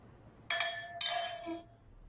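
glasses clinking

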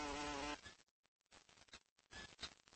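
bumblebee buzzing in flight

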